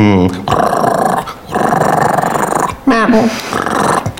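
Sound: dog growling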